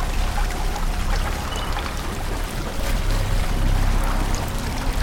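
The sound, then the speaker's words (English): Continuous sloshing and churning of chest-deep water as people wade slowly through a water-filled tunnel with flashlights, a dense steady swirl with small splashes and no voices. “They are now in a tunnel filled with water that reaches their chests. They wade through with flashlights on.”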